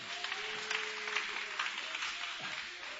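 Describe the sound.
A church audience claps steadily and joyfully for Jesus, a dense wash of many hands for a few seconds, with faint voices and a sustained tone underneath.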